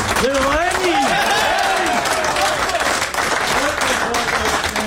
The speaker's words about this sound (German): 20-fache Grand Slam-Sieger, der Roger Federer, ist in die Garderobe gegangen. Genau. Und mit Empfang und viel Applaus empfangen worden.